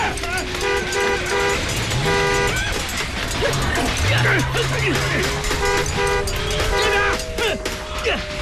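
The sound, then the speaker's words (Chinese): Car horns honk in several short bursts as a car is started, repeated toots sounding loud against a busy, noisy background with indistinct voices and other traffic-like rumble throughout. “甩鞭子，发动汽车”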